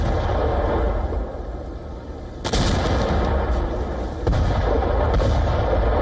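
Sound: explosions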